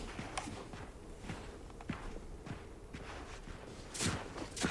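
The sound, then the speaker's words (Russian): Steady footsteps of a lieutenant walking resolutely toward houses at a regular pace, each step a soft crunching thud, continuous with no voices, growing slightly louder toward the end. “Лейтенант отдает пистолет Михаилу и решительно шагает к домам.”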